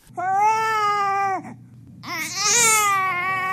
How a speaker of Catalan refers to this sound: Aquest bebè fa ué, u-e, accent greu.